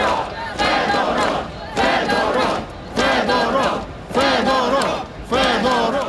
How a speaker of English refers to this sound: Crowds of mainly young people who gathered in the capital, Kyiv, for a second night, and elsewhere in the country, they were chanting the minister's name.